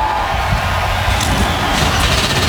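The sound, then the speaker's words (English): A dense, loud roar of 38 NASCAR Cup Series stock car engines starting up together in the pit lane at Pocono Raceway in the Pocono Mountains, a steady rumbling wall of sound with heavy low-end throb and no voices. “And with that, 38 NASCAR Cup Series machines come to life from the pit lane.”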